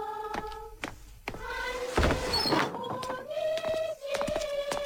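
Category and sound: household object, door being opened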